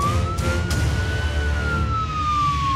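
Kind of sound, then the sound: signal or alarm, police siren sound effect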